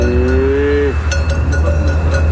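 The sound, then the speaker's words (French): A Hérens cow, a medium-sized, robust, muscular breed with a black coat, lets out one short, steady moo lasting about a second, set against a constant low rumble, followed by a few faint knocks. “Ils y élèvent des vaches de race Hérins, des animaux de taille moyenne, robustes et musclés”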